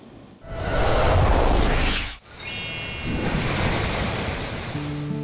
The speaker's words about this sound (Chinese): 它背面的取景地啊，就是我身后的黄河壶口瀑布，因此吸引了不少人前来这里打卡。黄河奔腾到陕西延安宜川县的这一段，河床猛地收紧，像被一把巨壶束住，河水轰然跌进深潭，冲刷形成了著名的十里龙槽。